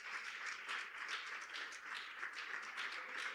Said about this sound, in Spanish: Denle un aplauso fuerte al Señor en esta noche.